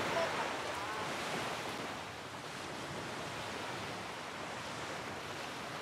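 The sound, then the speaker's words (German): A steady roar of sea surf washing onto the shore, broad and hissing, with a gentle swell in loudness and some wind rushing across the microphone. “Dann macht ihr die ganze jetzt mal bitte in diese Richtung, damit das Meer hinter euch ist und ich hier immer Foto mache.”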